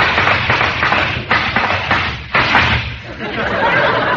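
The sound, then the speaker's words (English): Horses' hooves clop in a steady, rapid rhythm of hard, hollow thuds, fairly loud and continuous over a dense, muffled wash of noise, as Dalton Jackson arrives in a hurry to call. “Do I hear the sound of horses' hoofs?”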